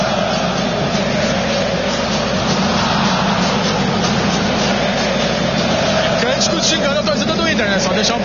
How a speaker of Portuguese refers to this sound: Tá bom, tá bonito o som da galera aí.